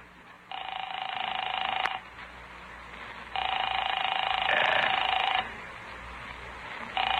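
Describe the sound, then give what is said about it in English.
A telephone ringback tone repeats on the line as a call is placed to a woman's home: two long, steady buzzing rings roughly two seconds each, separated by quiet pauses, with a third ring starting at the end. No voices. “I'll phone Paula. This is the day her bridge club meets at 2 o'clock.”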